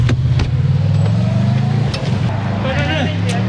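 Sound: car driving away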